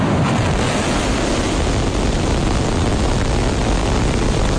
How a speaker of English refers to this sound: Last night, the latest iteration of the spacecraft blasted off from a new launch pad in South Texas, powered by 33 of the company's Raptor engines. 5, 4, 3, ignition.